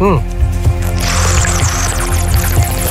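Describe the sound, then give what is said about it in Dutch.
A water warbler whistle trills and gurgles in bubbly, bird-like chirps for a couple of seconds, fairly loud, over a low background hum and murmuring voices. “De waterzanger. Hier komt ie.”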